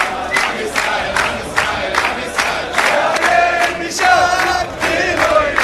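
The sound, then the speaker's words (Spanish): A large celebrating crowd shouts and chants loudly, calling to wipe out Palestine, while clapping along in a steady, rhythmic beat, the noise dense and continuous throughout with voices rising in bursts. “Y todos aplauden felices.”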